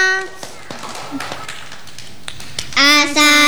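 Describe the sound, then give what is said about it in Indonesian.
Scattered clapping from a small group for a group of children about to sing a song, irregular and fairly light, with children's high-pitched voices calling out at the start and a loud burst of kids shouting near the end. “Tepuk tangan untuk semuanya.”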